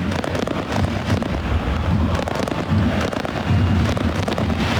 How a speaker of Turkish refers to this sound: Bir havai fişek gösterisi de var tabii ki şu an. Sesleri siz de duyuyorsunuz.